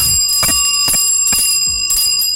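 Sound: bell ringing sound effect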